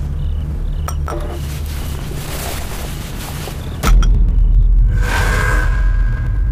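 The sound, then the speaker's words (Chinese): A few bright glass clinks in a toast to victory, a quick pair early on, then another sharp one a few seconds later, ringing briefly over a steady low rumble. “来，为胜利干杯。”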